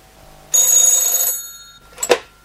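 A telephone rings with a bright, buzzing bell burst lasting under a second, followed by a brief pause and a shorter second chime that trails off. Fairly loud, with no talking.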